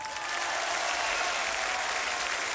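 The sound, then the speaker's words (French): Steady, dense applause from an audience for number 79, a continuous wash of many hands clapping at fairly high volume, with no pauses or single claps standing out. “Numéro 79, vous pouvez l'applaudir.”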